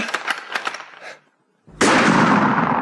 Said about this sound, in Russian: Стой, надо им подать знак. Жарь, 3 выстрела, прям подряд. Ну-ка, жарь.